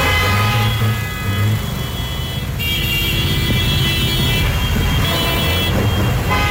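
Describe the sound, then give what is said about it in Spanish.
Loud, dense road traffic, jammed after a motorcycle accident in front of Metroparque, rumbles steadily, with sustained car horns blaring over the engine noise throughout, some overlapping and shifting in pitch. “Nada más se ve el tráfico colapsado a causa del accidente.”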